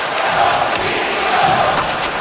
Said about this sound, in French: Et là, il y a eu des cris d'opposition à Carter Hart, le gardien des Golden Knights de Vegas. Des cris qu'on a entendus à la télé.